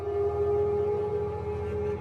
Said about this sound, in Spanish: Hay sonidos que el ser humano aprendió a temer mucho antes de saber las razones. El aullido de un perro en mitad de la noche es uno de ellos.